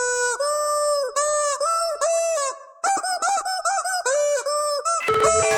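A squeaky, toy-like honking tone plays a rock melody in a run of sustained, sliding notes with brief breaks. It sounds loud, with no talking.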